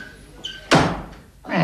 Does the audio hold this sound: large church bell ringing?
no